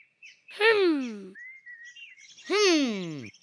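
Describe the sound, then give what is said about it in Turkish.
Birds call out: two loud, raspy squawks that slide downward in pitch, separated by a stretch of faint, thin high chirping. “Burada her yerde kuş var.”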